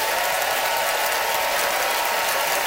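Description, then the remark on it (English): An audience applauds as a vote for Abdul Aziz's jokes on in-laws, a dense, crackling wash of many hands clapping at an even, fairly loud level for the whole stretch, with no voices heard. “By applause, how many of you thought that Abdul laid down the law on in-laws?”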